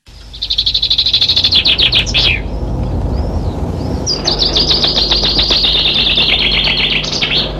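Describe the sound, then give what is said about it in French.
Common whitethroat song: two bursts of rapid, scratchy warbling, loud, each a quick chattering phrase that ends abruptly, with a low background rumble. “Cette émission sera irriguée par le chant mélodieux et grinçant de la fauvette grisette qui aime à se dissimuler dans les milieux de friches ouverts en herbe, ponctués de buissons bas et de ronciers.”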